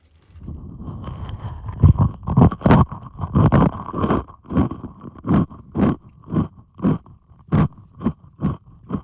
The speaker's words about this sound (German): Ich habe hier nämlich Zwieback. Auch gut. Ja, Zwieback du weißt, mit Kokos. Jetzt lege ich mir das mal auf den Kopf hier und esse Zwieback dabei.